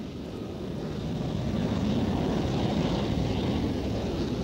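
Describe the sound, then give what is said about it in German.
A jet airplane roars steadily as it builds speed for takeoff in a race against a small car, a dense, rumbling engine noise that swells in the first second and then holds loud. “Der PKW beschleunigt zu Beginn wesentlich stärker als das Flugzeug.”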